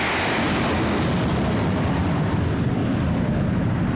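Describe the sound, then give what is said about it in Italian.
A thunderous jet roar from an aerobatic formation of aircraft trailing smoke, converging head-on toward the air show audience at 90 degrees to the runway and passing over the airport, loud and continuous, with deep rumbling bass and a hissing high end that slowly fades as they pass. “Ecco il passaggio del rombo.”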